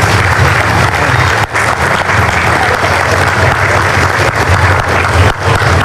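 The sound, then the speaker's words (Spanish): Sustained audience applause for the Patronato de Amparo Social, a dense, steady wash of many hands clapping at full volume for about six seconds, with no speech over it. “Reconocer al Patronato de Amparo Social, que ha hecho un trabajo impecable, al cual quiero que le regalemos un fuerte aplauso al patronato.”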